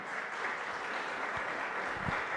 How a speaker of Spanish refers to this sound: Le damos ese fuerte aplauso a nuestro Rey Celestial.